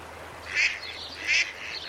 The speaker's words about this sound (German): Kurz vorm Dixhaus sonnen sich Enten am Ufer der Weißen Elster. Grün-blau glänzend, elegant.